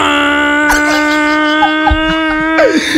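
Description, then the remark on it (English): A voice imitates a big shipping boat blowing its horn with a long, steady droning tone held for several seconds, loud, with a few faint clicks and rustles underneath. “A big shipping boat is now blowing its horn.”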